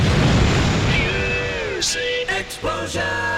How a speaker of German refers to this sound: Explosion.